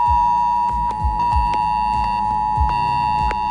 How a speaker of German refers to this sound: Morgen ist Warntag. Das bedeutet nicht, dass es einen internationalen Feiertag gibt, an dem die Warnung gefeiert wird, sondern ihr werdet gewarnt. Um 11 Uhr könnt ihr euch auf ein schrilles Handyklingeln gefasst machen. Das klingt etwa so.